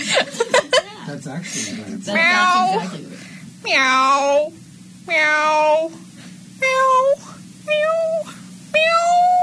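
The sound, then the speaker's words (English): Human voices imitate cat meows, about six drawn-out, varied meows in close succession with short pauses between, after a brief burst of chuckling and clicking at the start. “Just, it can only just, it can be like 10 seconds of just like different types of meowing.”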